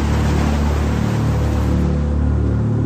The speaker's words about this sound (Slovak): Monikina matka vidí, že sa potok vylial. Voda strhne plot a vleje sa do záhrady.